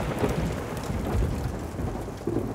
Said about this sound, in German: Das bisschen Hagel. Das bisschen Hagel, wiederholte er sinnlos.